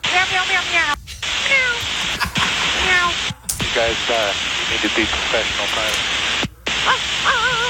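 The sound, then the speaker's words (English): Regional jet pilots' voices mimic cat meows over a crackly, band-limited air traffic control radio channel, several drawn-out mews in quick succession, with brief dropouts of the transmission between calls. “Okay, so they're meowing, RJ's. They're barking.”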